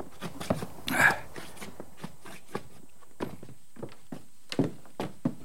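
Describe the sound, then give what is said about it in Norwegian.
Heavy stamping of boots knocking snow off before entering a cabin: a quick burst of thuds with one loud stomp early on, then scattered, irregular stamps trailing off at a steady, moderate loudness. “Du, da tramper vi på snøen før vi går inn.”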